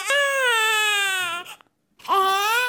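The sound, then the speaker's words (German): An infant cries loudly, a long sustained wail with a gently falling pitch, a brief silent breath, then a second cry rising sharply before settling. “Das heißt, wenn man also Computerdiagramme macht von den Melodien, die im Weinen passieren, dann findet man Spuren solcher Einflüsse, die im Mutterleib schon 3 Monate lang gewirkt haben.”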